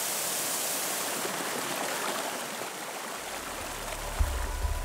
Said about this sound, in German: Der Nabigataki-Wasserfall. Der Nationalpark ist berühmt für seine Bäche und Schluchten. Das Vulkangestein ist ausgehöhlt, so kann man den Wasservorhang von hinten betrachten.